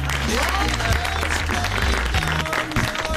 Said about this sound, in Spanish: Fuerte el aplauso